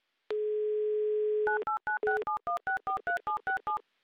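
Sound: telephone ringing tone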